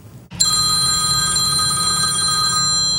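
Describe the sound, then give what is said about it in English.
A telephone rings loudly and steadily in a news report about scam calls, its bright electronic trill starting abruptly after a brief pause and continuing without a break, with no voices present. “It's the phone calls none of us want.”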